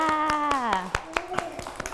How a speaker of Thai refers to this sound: เก่งมากเด็กๆปรบมือให้ตัวเองด้วยค่ะ